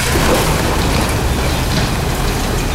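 A loud, continuous roar of backfill rock and spoil tumbling nearly a kilometre down the first of four shafts being filled at the closing ČSM coal mine in the Karviná region, Czech Republic; a dense rumbling wash with heavy low-end boom and rattling grit throughout, no voices.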